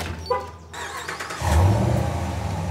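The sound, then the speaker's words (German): After a brief quiet stretch, a car engine, started by remote start, suddenly turns over and catches, then settles into a steady, rumbling idle. No one speaks. “Ja, Sie können den Wagen von weiter weg starten.”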